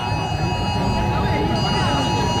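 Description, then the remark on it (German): A loud, steady electronic emergency alert tone blares continuously at full volume from about 100 phones at once, its shrill pitch holding unbroken over a dense background of crowd noise. “weil ich den in voller Lautstärke von ungefähr 100 Telefonen gleichzeitig gehört habe”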